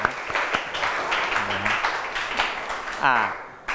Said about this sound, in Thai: ถูกไหมครับถูกต้องปรบมือให้กับกลุ่มที่6